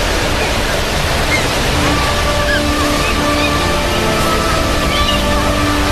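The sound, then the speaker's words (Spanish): Loud, unbroken roar of stormy sea waves churning and washing over a boat, water pouring into the vessel, steady for the whole stretch, with a faint sustained tonal drone underneath. “Pedro sostenía el mástil con fuerza, intentando mantener el equilibrio mientras el agua invadía la embarcación.”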